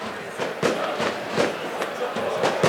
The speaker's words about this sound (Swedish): Man hör också fyrverkerismällar. Jag tänker ni hör dem i bakgrunden, va?